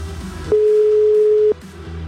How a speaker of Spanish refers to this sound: Ahí estamos marcando a otro número. Ahí está sonando. Dios. ¡Qué nervios! Estamos marcando a Cuautitlán.